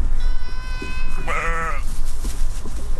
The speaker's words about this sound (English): Goats are out here too, along with hundreds of sheep. They're eating away invasive plants and lowering dry grass that can turn into wildfire fuel.